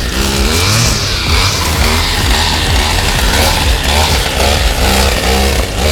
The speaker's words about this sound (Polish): Macie już dość odgłosów tuningowanych silników rur wydechowych i masowych imprez.